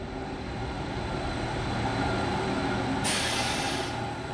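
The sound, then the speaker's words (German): A steady low rumble of a train rolling along as it reaches Iseo station on a single-track line by the lake after a half-hour ride, constant and fairly loud, with a sudden bright hiss of air bursting in near the end like a brake release. “Unser Zug erreicht den Bahnhof von Iseo nach einer halben Stunde Fahrt.”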